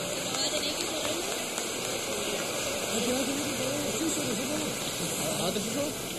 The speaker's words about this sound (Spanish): También felicitar a todos mis colegas de la competencia. Mucho éxito, chiquillos. Muy lindas sus canciones. Un aplauso para la de la competencia, por favor.